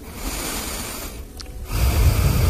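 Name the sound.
person breathing into microphone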